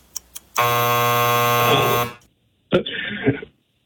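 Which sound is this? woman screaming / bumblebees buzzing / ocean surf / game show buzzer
game show buzzer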